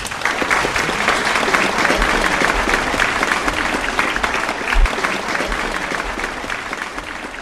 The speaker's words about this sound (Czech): a prosím o veliký potlesk.